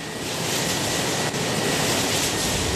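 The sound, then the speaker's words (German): Wind turbine blades whir softly on a hot, windy day in the municipality of Höflein bei Bruck in the eastern Vienna Basin, where many turbines stand on fields, hills and vineyards: a steady, even rush of breathy noise, broad and unbroken, with only a brief dip partway through and no voices. “Auf den Äckern, Hügeln und Weinbergen dieser flachen Gegend drehen sich leise surrend die Flügel der Windturbinen.”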